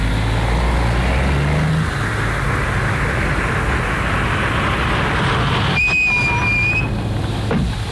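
A taxi drives along following a car ahead, with a steady, loud engine rumble and road noise, and a brief high-pitched squeal or whine cuts in near the end.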